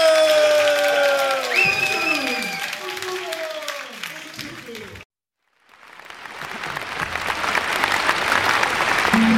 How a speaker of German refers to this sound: Applaus für Pepsi!